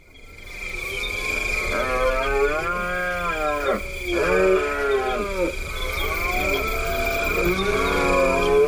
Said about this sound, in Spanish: Pues estamos hablando, yo creo que de uno de los más conocidos, que es el entusiasmo del ciervo en la berrea, ¿verdad, Paco? Sí, ellos también tienen mucho entusiasmo, porque es la época del celo, del apareamiento,